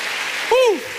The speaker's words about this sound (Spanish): Vamos, denle palmas al Señor.